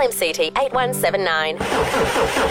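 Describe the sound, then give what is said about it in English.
A car engine cranks over with a steady grinding churn but never catches, following a brief stretch of voices; the cranking is fairly loud, lasting about a second. “Your car won't start.”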